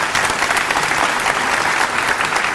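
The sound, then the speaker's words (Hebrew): An audience applauds steadily, the dense clapping holding at an even, fairly loud level for a couple of seconds with no one speaking over it. “מגיע לו מחיאות כפיים.”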